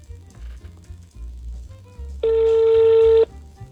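A telephone ringing tone on the line: one steady, buzzy electronic tone sounds loudly for about a second, then cuts off, following a stretch of low, murmuring background noise.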